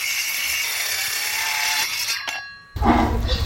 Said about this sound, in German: Wir hören hier gerade sehr viel Sand. Dann ein Mini-Bagger. Gesägt wird.